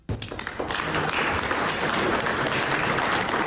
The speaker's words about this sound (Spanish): Los otros presidentes del G7, los mandatarios del G7, lo aplaudieron así.